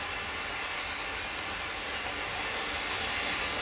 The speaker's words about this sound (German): Und die S-Bahn fuhr vorbei und die Skinheads randalierten.